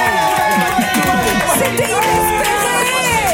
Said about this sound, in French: C'est n'importe quoi. N'importe quoi. Vous applaudissez, c'est dingue.